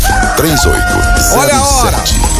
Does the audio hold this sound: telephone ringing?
no